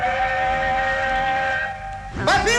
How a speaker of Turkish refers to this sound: Oysa trenin geçmesi için yolu kapattılar. Bariyerin önünde kaldılar.